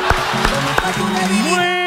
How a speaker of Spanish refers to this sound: ¡Qué buen aplauso!